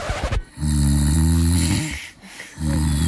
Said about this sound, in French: Oui, votre conjoint dort. Et oui, votre conjoint ronfle.